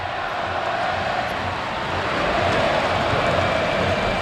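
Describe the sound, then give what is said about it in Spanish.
The crowd at the Carpena arena in Málaga chants "Árbitro, qué malo eres" at the referee during the Unicaja versus La Laguna Tenerife basketball game, a dense, continuous roar with a faint rhythmic pulse, swelling slightly louder in the second half. “Árbitro, qué malo eres, canta el Carpena.”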